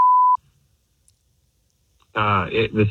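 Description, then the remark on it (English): A brief, steady electronic telephone tone sounds once at the start as a phone number is dialed, then a pause of near silence before a voice begins speaking. “I'm going to dial his phone number right now.”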